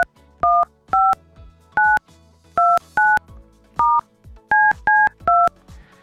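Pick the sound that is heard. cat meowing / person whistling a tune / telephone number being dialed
telephone number being dialed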